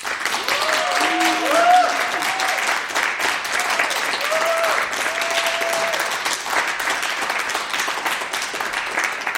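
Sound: studio audience applause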